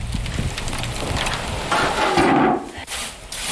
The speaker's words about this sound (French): le crépitement du pain qui vient de sortir du four.